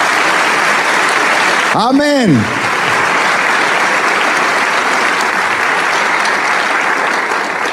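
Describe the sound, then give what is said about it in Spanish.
An audience applauds Christ, the King of Kings, loudly and steadily for several seconds, a dense wash of clapping that never lets up, while one voice calls out briefly early on. “¿Por qué no le damos un aplauso al Rey de Reyes?”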